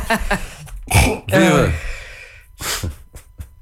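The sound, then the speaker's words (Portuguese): A sharp sneeze with a voiced burst, followed by a few rough throat clears and short breathy snorts. “Santinho.”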